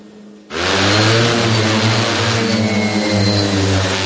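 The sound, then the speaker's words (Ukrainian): After a brief quiet moment, the motors of a "Vampire" heavy bomber drone of the Rubizh brigade crew kick in as it takes off on the Pokrovsk direction of the front, with a sudden loud, steady, buzzing roar and a low droning hum underneath that holds at full volume to the end. “Важкий бомбер «Вампір» екіпажу бригади «Рубіж» піднімається у небо на Покровському напрямку фронту.”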